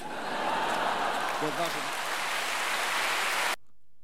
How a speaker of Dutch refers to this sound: Ja, applaus voor.